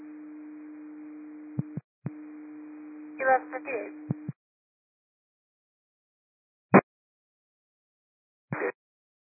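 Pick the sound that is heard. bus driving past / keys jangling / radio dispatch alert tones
radio dispatch alert tones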